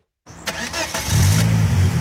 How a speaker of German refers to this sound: So tönt Carmen Hörler ihr eigenes Auto. Ein silbriger Volvo aus den späten 90er ist es.